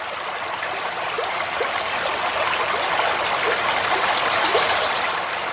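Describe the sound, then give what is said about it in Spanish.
Water of the Pisuerga River flows steadily through its meanders as it crosses the Cerrato, a soft continuous rush with small gurgles and trickles, even in level, with no voices. “Continuamos nuestro camino por los meandros del río Pisuerga, que en su sosegada madurez se recrea al cruzar por el cerrato.”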